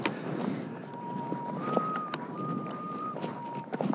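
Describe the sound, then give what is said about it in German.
Gusty wind roars steadily outdoors on a mountain ridge while a thin whistling tone hovers above it, shifting back and forth between two close pitches in long, sustained notes. “Der Wind pfeift nur Terz.”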